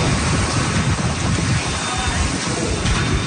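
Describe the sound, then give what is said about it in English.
Heavy rain pours down amid roaring, gusting wind from Hurricane Isaias in Florida, a dense, continuous storm wash with low rumbling buffets throughout, loud with no pauses. “Strong winds and rain ripped through Florida.”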